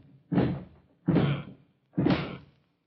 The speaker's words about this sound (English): I can reach the door all right. I'm tall enough for that. I just ain't got strength enough to break it in.